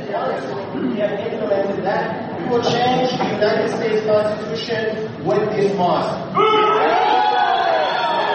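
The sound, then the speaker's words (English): A loud crowd boos and jeers steadily for several seconds at a speaker opening his speech by saying they are going to change the Constitution, a dense wash of many voices with rising shouts and a swell near the end. “So everyone's booing.”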